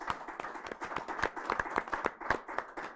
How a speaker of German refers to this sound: Ich darf Sie bitten, dass wir alle mal und vor allem dem Team an den Kameras und hinten, dass wir denen einen herzlichen Beifall für den Anfang geben.